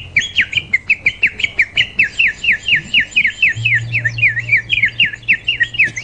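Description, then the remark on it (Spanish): A water-filled bird whistle toy warbles in a fast, continuous trill of rising chirps, loud, with a faint low hum underneath partway through. “Ahí está, es el pajarito de la Nancy”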